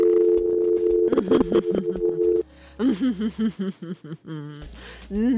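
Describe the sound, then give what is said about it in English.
A steady, loud telephone dial tone hums continuously for a couple of seconds, then cuts off and gives way to brief, melodic-sounding voices. “Phone lines. The phone lines.”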